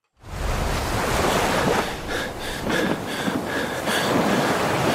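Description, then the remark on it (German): Steady, loud wash of ocean water with a broad rushing roar and gusty swells, no voices: open sea in an animation video, around a shipwrecked person caught in a yellow rubber dinghy, with nothing but water all around. “Schiffbruch mitten auf dem Meer. Ein Mensch gefangen in einem gelben Gummiboot, rundherum nichts als Wasser.”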